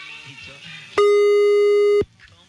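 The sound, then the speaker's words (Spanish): A single loud, steady telephone tone holds one pitch for about a second, starting and stopping abruptly, as a call to señor Alberto goes to voicemail, with faint background chatter before and after it. “Te manda buzón.”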